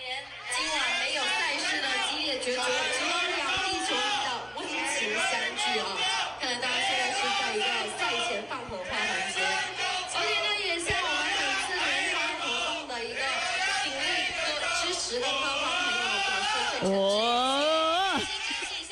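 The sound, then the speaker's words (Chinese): Loud, dense crowd noise of fans at a live event: many voices chattering, shouting and singing over one another without pause, with a single voice rising above the din near the end. “喂，真系有我睇下有冇现场，因为今日咧喺现场嘅，咁啊现场咧我小弟我咧就录咗一小段，嗱真系嘅。”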